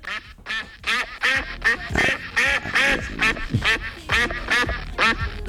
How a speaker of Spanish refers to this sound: ¿Quién es? El ganso. Es el día mundial del ganso. ¿Cómo es el sonido del ganso